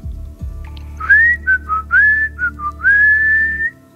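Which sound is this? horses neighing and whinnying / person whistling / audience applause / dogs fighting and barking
person whistling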